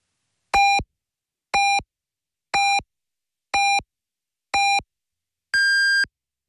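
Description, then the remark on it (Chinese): A radio time signal on the Wenlv 881 station: five short, evenly spaced electronic beeps one second apart, then a final longer, higher-pitched beep marking 5 o'clock Beijing time. Clear, with no talking. “文旅881提醒您，现在是北京时5点整。”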